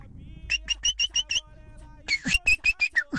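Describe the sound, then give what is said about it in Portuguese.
A sabiá thrush sings in two bursts of about six clear, whistled notes each, evenly spaced and bright, with a short pause between the runs and a low hum underneath. “Que é isso? Sabiá? Acredito que sim, né?”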